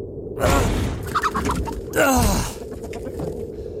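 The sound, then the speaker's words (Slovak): A rooster crows twice, loud, each call a brief harsh burst with a pause between them, over a steady low background rumble. “Pozri, kohútik.”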